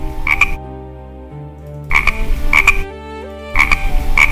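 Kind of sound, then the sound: animal, frog croaking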